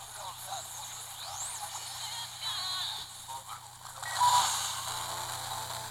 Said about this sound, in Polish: Jak sami Państwo słyszycie, w zasadzie nie słychać zupełnie nic, jakieś tam przebijające się przez biały szum dźwięki, zdecydowanie niekomfortowe do słuchania